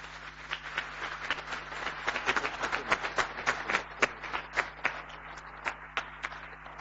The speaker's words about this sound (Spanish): como así también para todos nosotros presentes el día de hoy en la casa de tu paseca Acupé, un fuerte y caluroso aplauso para cada uno.